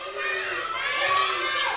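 A group of children applaud together, a dense, steady burst of clapping mixed with excited shouting that fills the room loudly for a couple of seconds.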